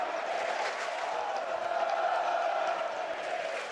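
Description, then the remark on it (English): A packed, sold-out crowd of Mountaineers fans at a baseball game in Morgantown, West Virginia roars and cheers in one steady, loud wash of noise that holds without a break for several seconds, with no single voice standing out. “It is sold out here in West Virginia, and these fans are showing their spirit”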